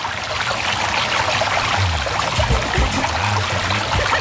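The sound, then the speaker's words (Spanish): River water flows steadily over rocks, a continuous bubbling and trickling rush with no voices, holding an even loudness throughout. “Las piedras, los pajaritos, ahí tranquilito, reposadito, viendo el agua correr, relajado.”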